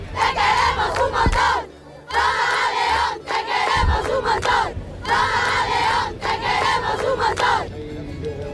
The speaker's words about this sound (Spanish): El Papa salía del aparcamiento de Torre España y cogía toda la calle O'Donnell entre los gritos de la gente.